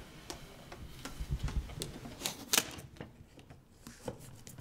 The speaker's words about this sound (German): Das schnöde Klebeband ist natürlich nur ein Provisorium und dient dem besseren Halt beim eigentlichen Verkleben.